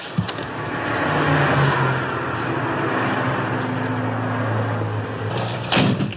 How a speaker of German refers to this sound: Er sieht, wie sie mit einem anderen Mann spricht, nachts im Auto. Er öffnet die Wagentür.